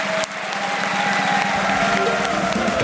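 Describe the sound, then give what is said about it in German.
A large audience applauds steadily as all the guests are called back onto the stage, a dense wash of clapping with scattered cheers and whoops rising over it, loud throughout. “Und jetzt bitten wir mit einem frenetischen Applaus alle Gäste nochmal auf der Bühne, die da waren.”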